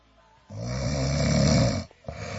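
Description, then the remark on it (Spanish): A loud, rasping snore swells from about half a second and holds for over a second, then breaks briefly before a second snore begins. Low, throaty rumble with a buzzing texture. “¿No te digo? Estás cabeceando, campeón.”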